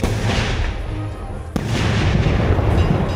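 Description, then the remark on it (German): Fireworks, set off by an electronic ignition system, launch and explode over a fairground before hundreds of people in a dense, continuous barrage of deep rumbling booms and crackling, with one sharp bang cutting through midway. No one speaks. “Das Feuerwerk steigt auf und begeistert hunderte Menschen auf dem Festplatz.”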